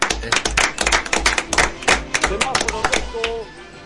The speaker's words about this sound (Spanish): El aplauso.